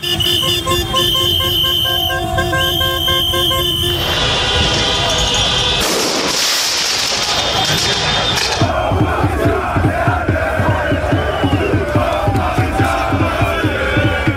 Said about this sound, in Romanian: Parisul a luat foc după a treia calificare din istorie în finala Champions League. Fanii au invadat străzile, nu au lipsit torțele, fumigenele și focurile de artificii.